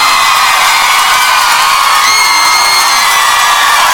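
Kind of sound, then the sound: crowd, audience applause and cheering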